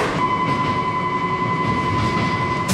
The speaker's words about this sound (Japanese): 航空行き普通電車が参りました。危ないですから各線の内側に下がってお待ちください。